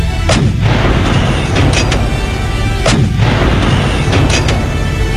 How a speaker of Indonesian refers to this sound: Kita akan serang mereka. Pasukan, serang dengan meriam.